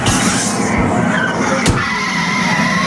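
Steady roar of traffic on a busy city street in Tokyo, with cars rushing past, a brief tire squeal and a sharp knock partway through; no one speaks.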